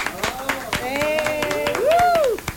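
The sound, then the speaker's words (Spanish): Applause from a few people in a radio studio booth for the on-air producer: sharp, uneven claps rattle steadily for a couple of seconds while voices whoop and cheer over them, one rising and falling cry standing out near the end. “Que se escuche ese aplauso, por favor.”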